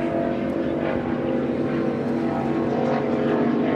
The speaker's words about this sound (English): This is like a Mod V boat, and it's a 2019 Phantom Speedster.